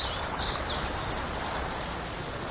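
An open outdoor grassland ambience filled with a dense, steady hiss of insects, with a few faint bird chirps early on, continuous and unbroken with no voices.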